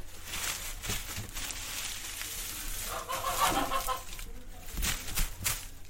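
Chickens cluck repeatedly against a steady, noisy outdoor background, with a burst of louder clucking around the middle and a few sharper calls toward the end.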